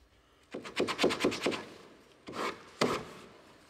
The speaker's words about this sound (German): Feinarbeit mit dem Schleifklotz für die Optik.